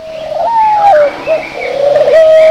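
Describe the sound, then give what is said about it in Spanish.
A pigeon coos steadily, its soft, warbling tones rising and dipping in a continuous murmur with a few brief pauses, and no voices present. “¿Te has preguntado alguna vez por qué las palomas caminan de una forma tan chistosa?”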